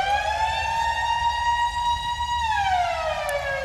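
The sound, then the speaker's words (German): A loud, sustained siren alarm from a 1980s DJ sound-effects record, an album, holds a steady high pitch, then slowly glides downward near the end, like a village fire-station alarm, with a low rumble underneath and no voices. “Und auf einer war so ein, ja, Sirenenalarm, wie wir den vielleicht vom Dorf, von der Feuerwehr kennen.”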